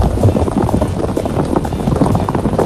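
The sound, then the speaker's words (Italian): A moka pot gurgles and sputters steadily as coffee bubbles up, a dense, continuous burbling hiss with irregular low pops throughout. “Ah, è pronto il mocchiere.”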